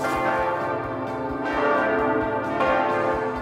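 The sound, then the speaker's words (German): Church bells of the Michel church ring loudly, heard directly beneath them in its 132-metre tower, several bells overlapping in a continuous, rich peal with rhythmic strikes and long sustained resonance. “132 Meter Höhe, großer Ausblick, weite Sicht, direkt unter den Glocken des Michel.”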